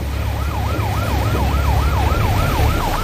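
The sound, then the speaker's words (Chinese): A law-enforcement patrol boat's alarm siren wails in rapid, repeating up-and-down sweeps, loud and steady throughout, over a low rumble of engines and wind noise. It is sounded as a target speedboat with six engines at full power tries to flee. “一看到这个船打满舵，6台发动机同时开足马力逃窜的时候，我们就立即拉响了这个警报。”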